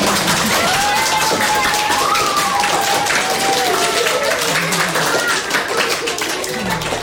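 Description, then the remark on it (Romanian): Children at a children's workshop at the Ion Creangă National Library for Children in Chișinău, during a festival, clap steadily for several seconds, a dense, continuous patter of hands, with a few excited young voices calling out over the applause. “Aplauze pentru noi.”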